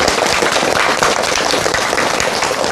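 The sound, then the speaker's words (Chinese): Steady audience applause welcoming Professor Yao Xishuang to a class on Su Shi fills the whole stretch, a dense, even wash of many hands clapping at constant loudness with no voices over it. “今天这节课我们很高兴啊，为大家邀请到了姚喜双教授，我们掌声欢迎。”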